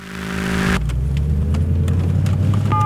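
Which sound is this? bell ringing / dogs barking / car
car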